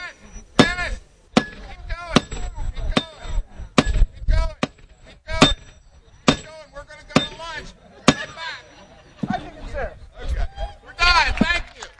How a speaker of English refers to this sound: take their turn hammering a shiny spike into the railroad tie near the end of the tracks, something that has become a tradition during Lewis's train day.